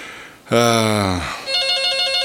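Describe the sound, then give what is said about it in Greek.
A telephone rings for an incoming listener call on the phone line, a fast, bright trilling tone pulsing steadily and clearly in the last second, just after a brief tonal voice-like sweep. “Και πάνω που είπα δεν έχουμε τηλεφώνημα. Έχουμε ένα φίλο της τηλεφωνική γραμμή.”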